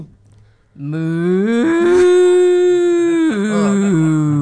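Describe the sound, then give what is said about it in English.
A person imitates a cow with one long, loud, sustained moo that rises in pitch, holds steady for a couple of seconds, then dips and trails off. “That was an excellent cow.”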